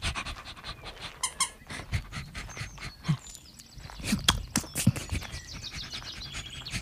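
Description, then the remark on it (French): A dog pants and snuffles in quick, uneven bursts while a child plays with it, with a few sharper clicks and scuffling noises mixed in; no one speaks. “Il était en train de jouer avec le chien.”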